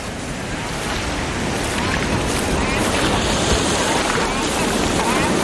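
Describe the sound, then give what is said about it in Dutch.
Waves wash steadily onto a beach of coral and shell fragments beside a reef in a continuous, fairly loud roar of surf, with gusty wind buffeting the microphone throughout. “strekken na de boottocht de benen op het strand”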